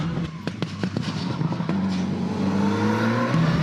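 An all-wheel-drive sports car with AWC technology on a test drive: its engine revs hard and accelerates, the droning pitch climbing steadily, with sharp popping bursts from the exhaust in the first couple of seconds. No one speaks.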